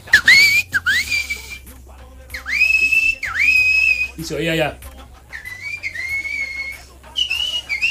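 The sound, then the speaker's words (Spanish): A person whistles in imitation, sharp rising notes that hold steady, repeated four or five times in quick succession, fairly loud, with a brief spoken phrase in the middle. “Y eso que te digo del silbido, pero eso por eso me acordé. A eso se oyó ahí.”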